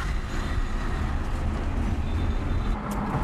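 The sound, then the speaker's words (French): Steady, loud road noise from inside a moving car on a busy main road: a continuous low engine and tyre rumble with a broad hiss of passing traffic, no talking. “Oui, sur la route, il y en a beaucoup de monde, mais j'ai l'habitude.”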